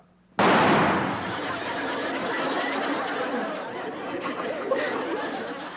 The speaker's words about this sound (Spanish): ¿ya viste cómo truena de fuerte mi rifle?